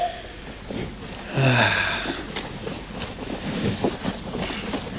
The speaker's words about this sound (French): Bah, j'entends un petit truc, mais... C'est peut-être le vent.